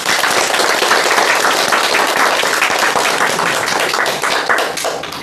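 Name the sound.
students clapping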